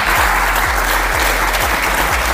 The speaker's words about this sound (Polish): Wielkie brawa, drodzy Państwo.